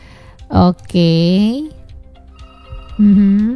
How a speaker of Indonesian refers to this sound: Ada telepon nih. Kira-kira siapa ya? Coba kita angkat dulu ya.